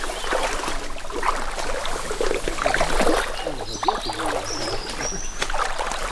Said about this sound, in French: Moi j'adore cette rivière, cette rivière.